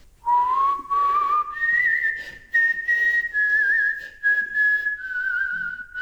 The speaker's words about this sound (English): We seem to be the only people who didn't know what the song being whistled was.